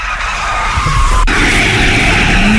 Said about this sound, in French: Oh, un nouveau dérapage. Waouh. Wow.